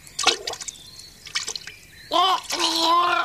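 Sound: someone jumping into water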